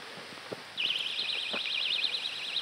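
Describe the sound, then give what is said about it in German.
A few soft clicks, then a personal safety alarm shrieks on with a piercing, high warbling siren that wavers rapidly up and down in pitch and holds steady and loud to the end. “Vantamo funktioniert mit Sirene plus Blinklicht.”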